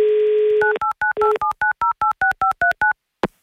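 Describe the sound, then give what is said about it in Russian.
A telephone number in Russia's Samara region being dialed for the Avtoradio radio game "Mnogo Deneg": a steady dial tone gives way to a quick, even run of about a dozen bright keypad beeps, followed by a short click. “Звоним в Самарскую область.”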